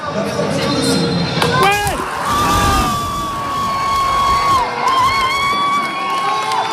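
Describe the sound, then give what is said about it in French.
A crowd of French football supporters watching a France match on a giant screen in a gymnasium in Is-sur-Til, north of Dijon in the Côte d'Or, cheers loudly and continuously, with high-pitched shouts, whoops and screams rising above a dense roar of voices throughout. “Ça a crié fort dans les bars de Lyon, devant les télévisions”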